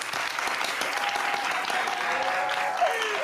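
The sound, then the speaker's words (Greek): Sustained applause from a talk-show audience for a guest, a dense steady patter of many hands clapping for a few seconds, with faint cheering tones rising through it near the end. “Ένα μεγάλο χειροκρότημα για την Τζον!”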